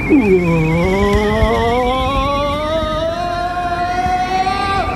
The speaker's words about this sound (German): Na, sie sind abgebogen und fahren gleich da vorne in den Straßentunnel.